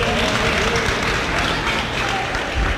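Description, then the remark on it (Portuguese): A crowd applauds steadily, a dense wash of many hands clapping at once that stays at an even, fairly loud level throughout, with no voices standing out. “Pode bater palmas.”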